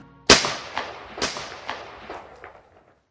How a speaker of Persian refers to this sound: زمانی که برای دومین بار صدای انفجار بزرگ از گلباشو برخاست، ساعت 2:20 بامداد را نشان می داد. کودتاچیان با جنگنده هایی که در اختیار گرفته بودند به ریاست عملیات ویژه پلیس در گلباشه حمله کردند.